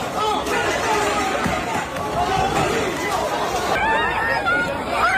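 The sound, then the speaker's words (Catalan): A dense, agitated crowd pushing and shouting outside a Swatch store during a watch release, with overlapping voices and raised shouts, a steady hubbub of many people jostling and calling out at once. “Cues inacabables, tendes de campanya, empentes, allaus, esbroncades, enfrontaments amb la policia, ús d'esprai pebre, una bogeria que caldrà veure si acaba aquí o si es reprèn quan Swatch reobri les seves botigues.”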